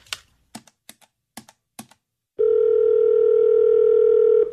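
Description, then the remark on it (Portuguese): Several quick, sharp clicks of phone keys being pressed to place a call, followed by a loud, steady telephone dial tone that hums continuously for about two seconds before cutting off. “Ah, vou ligar pro Douglas e falar com ele para fazer essa parte.”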